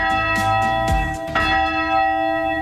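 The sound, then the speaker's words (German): A church bell, rung by radio control, rings from its tower, its strikes blending into a sustained, shimmering hum of overlapping tones that stays loud, with no voices. “Früher wartet die Glocke vor Feuer und Sturmflut, heute läutet sie vor allem zum Gottesdienst und für die Verstorbenen.”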